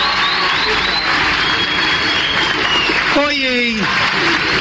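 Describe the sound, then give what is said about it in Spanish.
A crowd claps steadily and loudly for several seconds for Florencia Peña in a dense, even roar of applause, with a short cheer from a voice rising above it near the end. “Un aplauso muy grande para Florencia Peña, que nos vino a acompañar.”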